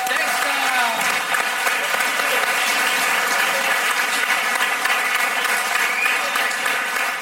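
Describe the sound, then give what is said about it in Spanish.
Steady, dense applause from an audience for the Fakir, a continuous wash of many hands clapping at even loudness throughout, with no voices standing out over it. “Pues un aplauso enorme al Fakir.”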